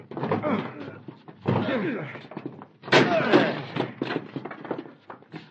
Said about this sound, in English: Let's get this door open. Break it down.